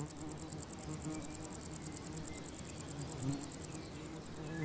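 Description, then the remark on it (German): A conehead katydid in a meadow buzzes continuously in rapid, evenly pulsed bursts like a sewing machine, high-pitched and steady, with faint low background rumble and no one speaking. “Dieses Nähmaschinengeräusch stammt von einer Schwertschrecke, während der Warzenbeißer eher Pianissimo spielt.”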